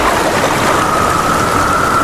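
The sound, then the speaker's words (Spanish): Steady, heavy rain pours down in a dense, continuous hiss, loud, with no distinct thunderclap standing out and no voices. “Comienza la temporada de tormentas y ¿tienes miedo de que se te inunde tu vivienda, negocio, garaje o trastero?”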